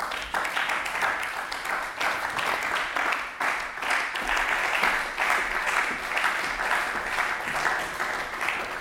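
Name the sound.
applause in parliament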